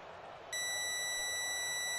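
A Radio Bandeirantes time signal marking 8:45 p.m. Brasília time, the fifth Bandeirantes signal, during a live football commentary: after a brief moment of hiss, one loud, high-pitched electronic beep begins and holds steady, unbroken, until the end.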